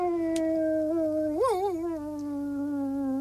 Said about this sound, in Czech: Centík, Funík a Kvído mezi tím objevili, kdo to tak kvílí. U hájovny seděl pes Rek, hlavu vzhůru a představte si, nebojácně vyl přímo na měsíc.